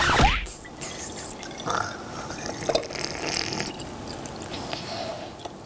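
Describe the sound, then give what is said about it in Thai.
Liquid is poured smoothly into a container, a steady soft trickle with occasional small splashes and drips over several seconds, fairly quiet and with no talking. “ขอกรอกได้ไหม มั่นใจแล้วนะครับ ขอกรอก”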